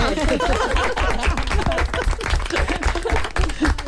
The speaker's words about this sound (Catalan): Un aplaudiment.